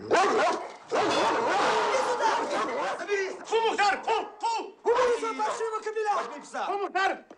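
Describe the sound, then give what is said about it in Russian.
A dog named Mukhtar barks loudly and repeatedly in a dark room, an agitated stream of rough barks and yelps over several seconds, with people's voices mixed in beneath the noise. “Пускаю собаку!”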